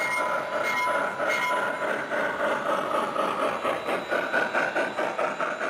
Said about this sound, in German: Eine herrliche Dampflok und tolle Geräusche.